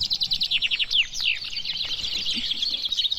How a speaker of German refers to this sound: 18 Finken haben hier auf einmal geträllert beim traditionellen Finkenmanöver in Wennekenstein im Harz.